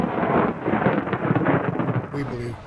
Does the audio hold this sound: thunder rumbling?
yes